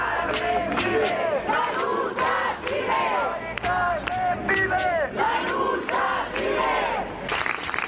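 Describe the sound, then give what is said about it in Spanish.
A large protest crowd of campers at the Puerta del Sol claps in a steady rhythm, a general applause ending a minute of silence, while many voices shout and chant together, loud, filling the whole stretch without a pause. “En la Puerta del Sol, los acampados han guardado un minuto de silencio que ha terminado con un aplauso general”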